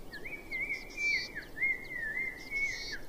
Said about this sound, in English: This is a remote area, and the rugged terrain keeps large animals away, so birdsong is the only sound in the cliffs.